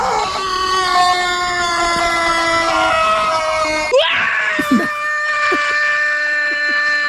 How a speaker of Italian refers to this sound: Perché qui su Radio Company ci sono i vostri sfoghi, i vostri urli, ora!